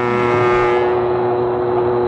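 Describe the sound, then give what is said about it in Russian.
A train's departure signal sounds as one long, steady horn blast, holding a single pitch with rich overtones, loud over a low rumbling engine noise for about two seconds. “Ой, слышите, отправление дал.”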